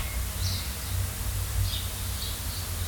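Faint bird chirps from outside, heard through an open studio door on a 26-degree day, sound a few times, thin and high, over a steady low rumble of studio noise. No one speaks.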